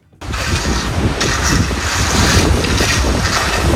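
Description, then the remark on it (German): Outdoor turf laying: steady, loud wind buffets the microphone, with a low rumbling undertone as the ground is raked, turf rolled out and rolled over with a roller, continuous throughout after a brief quiet start. No one speaks. “Da geht der Wind, da wird gerecht, Rasen ausgerollt, drüber gerollt mit einer Walze.”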